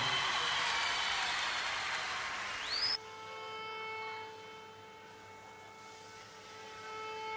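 A dense wash of audience applause, a standing ovation for a singer from an Angolan audience, fills the first few seconds, then cuts off abruptly, leaving steady sustained musical tones humming quietly.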